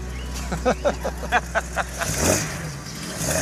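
A classic 1970s car engine cranks in a quick series of rhythmic pulses, then catches with a loud rising rev and settles into a steady, throaty idle rumble.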